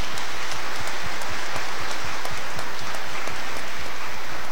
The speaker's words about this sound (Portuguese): Queremos receber essas crianças para o batismo com muita alegria e com uma salva de palmas bonita, né?